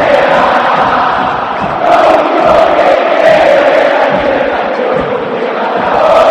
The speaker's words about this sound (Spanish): Grita la cancha de River. En las malas también se grita en el Estadio Monumental.